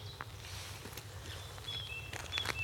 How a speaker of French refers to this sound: Cette grive, là, qui...